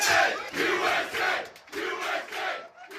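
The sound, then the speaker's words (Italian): A loud crowd of soccer fans in a bar in the United States cheers and shouts together while watching a televised match of the US national team, the roar swelling in waves with a couple of brief dips before surging again, no single voice standing out. “Bar e ristoranti sempre più sintonizzati sui canali che diffondono le partite, tifo sempre più caldo.”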